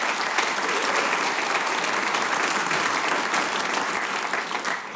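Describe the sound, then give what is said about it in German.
Sustained audience applause for a member of a band, a dense steady wash of many hands clapping at an even loudness throughout, with no voices breaking through. “mit einem großen Applaus von der ….”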